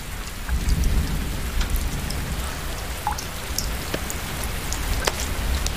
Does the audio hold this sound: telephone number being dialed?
no